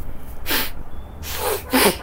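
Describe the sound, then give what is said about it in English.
A child sniffs three times, short breathy nasal bursts, the last two coming quickly together, with no talking. “Don't sniff, blow.”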